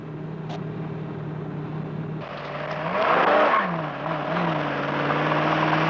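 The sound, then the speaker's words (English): A car engine hums steadily, then grows louder as it draws near and revs up, its pitch rising and falling with gear changes before settling into a sustained drone. “Yeah, it's a car.”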